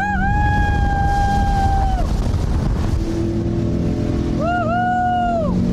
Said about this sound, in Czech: Ten má vzadu 350-konňový osmiválec a takhle to na natáčení probíhalo.